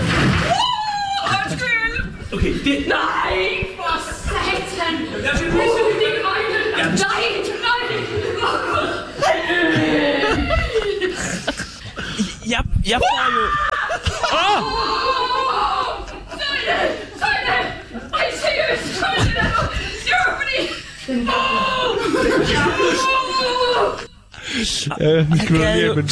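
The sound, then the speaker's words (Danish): Loud screaming and high-pitched shrieks at snakes erupt over and over, mixed with nervous laughter and frantic vocal outbursts, forming an almost continuous stream of panicked yelling, taken from video clips. “Jeg har været igennem mine videoklip, og jeg har mange, og jeg har timer lange optagelser, for at finde skrig af dig.”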